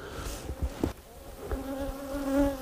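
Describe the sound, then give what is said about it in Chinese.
A steady drone of a large wild honeybee colony buzzing together inside a tree hollow over a meter long, a continuous humming swarm with shifting pitch, moderately loud, with a few soft knocks and rustles. “在冷寂荒蛮的自然环境中，蜜蜂群体越大，越冬的安全系数越高。”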